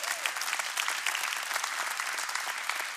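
An audience gives the guests a warm applause, a dense, even patter of many hands clapping at once throughout with no voices breaking through.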